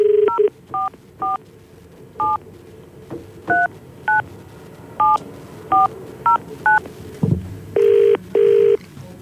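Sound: telephone dialing tones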